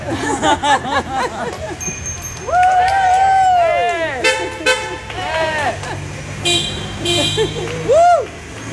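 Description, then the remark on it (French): Several car horns honk repeatedly in a busy street in the morning, not on a major boulevard, some long and sustained, others short toots, layered over a steady rumble of traffic and indistinct voices. “Ah, bah oui, ouais. Ça klaxonne.”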